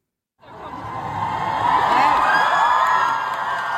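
A large concert crowd roars and cheers continuously, with high whoops and shouts rising over a dense wall of voices that swells and holds loud for several seconds.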